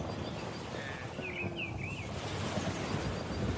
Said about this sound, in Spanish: La brisa del mar. La brisa del mar. Pero eso más que un sonido es una sensación. Sí, pero a mí eso me relaja muchísimo.